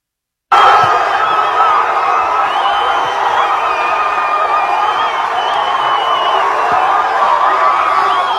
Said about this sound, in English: You can see people wagging their tongues, screaming out loud, waving the flag. There's palm trees everywhere in San Diego, California.